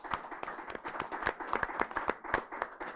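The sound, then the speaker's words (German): An audience at an event applauds the camera team, many hands clapping in a dense, irregular patter that stays fairly even in loudness throughout. “Ich darf Sie bitten, dass wir alle mal und vor allem dem Team an den Kameras und hinten, dass wir denen einen herzlichen Beifall für den Anfang geben.”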